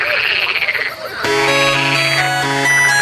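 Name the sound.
frog croaking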